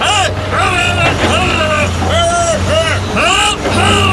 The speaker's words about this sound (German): Hitradio RT1 präsentiert Baustelle Deutsch. Der kleine Übersetzer für das, was auf einer Baustelle normalerweise im Lärm untergeht. Folge 5. Die Autobahnbaustelle.